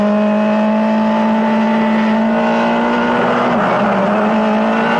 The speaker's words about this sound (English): Oh, no, we're speeding up.